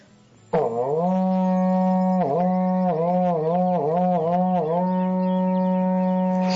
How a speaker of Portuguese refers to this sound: Toca o berrante aí, irmão.